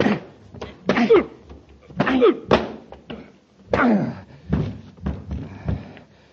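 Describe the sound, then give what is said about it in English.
A scuffle of heavy, dull punches landing in quick succession, each thud mixed with strained grunts and gasps, fairly loud, ending in a final blow from a commander that knocks a man out cold. “Hey, Commander, you knocked Grayson cold.”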